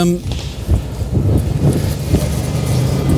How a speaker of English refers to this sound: Oh God, hold on, we're going to get run over. Wait, let him go. These cars are so posh and they're so quiet because they're electric. If you're not careful, you get run over very easy.